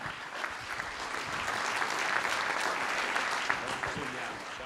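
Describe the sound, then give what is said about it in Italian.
Steady audience applause welcoming the president of the Liguria region, Marco Bucci: many hands clapping in a dense, even wash of sound that stays fairly loud for several seconds with no voices standing out. “Un saluto e un benvenuto e un grande applauso anche al presidente della regione Liguria, Marco Bucci.”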